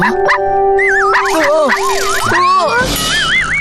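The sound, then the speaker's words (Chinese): A little dog barks and yelps, its loud, high voice sliding and wavering in pitch over a steady humming tone, with a burst of rough noise near the end. “有一天，小飞侠来到了朋友的家，汪汪，小狗叫声让小飞侠吓了一跳。”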